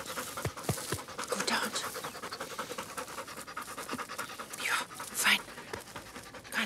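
The hunting dog Perle pants steadily after pointing game during a hunt for small game, its quick, breathy rhythm continuing for several seconds, with a brief high chirp-like tone rising over it near the end.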